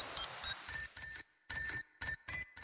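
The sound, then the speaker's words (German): A bicycle bell rings out a quick song melody, about nine bright metallic dings in a rhythmic pattern with a short pause midway, clear with no talking. “Erkennt den Fahrradklingelsong und gewinnt.”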